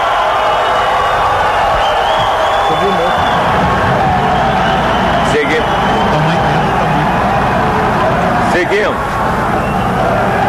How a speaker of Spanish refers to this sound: Agora com convocação com torcida é diferente. Agora os gritos de Neymar, Neymar, Neymar. Aí, gente. É são, são muitos convidados da CBF, patrocinadores. Olê, olê, olê, Neymar, Neymar.